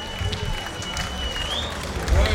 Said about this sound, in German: Man hört wow, wow, wow. Ja, und der ist auch verdient, der Applaus.